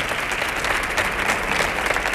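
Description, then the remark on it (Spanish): A large audience claps steadily and loudly to welcome a performer who will tell funny stories, a dense, continuous wash of applause with no pauses and no voices cutting through. “Así que fuerte el aplauso”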